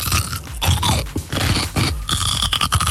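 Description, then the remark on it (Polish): Loud, wet crunching as a pickled cucumber is bitten and chewed for a radio bite-guessing game, with repeated irregular crunchy bursts and short pauses between bites, and no talking. “Ogórek kiszony, no, nie. Albo mało solny.”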